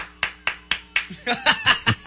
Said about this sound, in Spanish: Que estoy aplaudiendo.